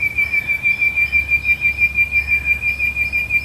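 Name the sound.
bird singing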